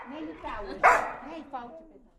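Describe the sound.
A dog barks a few times, sharp yelping barks with one louder burst in the middle, over a faint background that may carry some talking.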